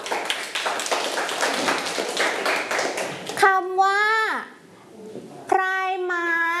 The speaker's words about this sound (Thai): เก่งมากค่ะปรบมือให้เพื่อนค่ะลูก